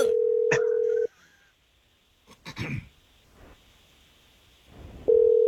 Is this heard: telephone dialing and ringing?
yes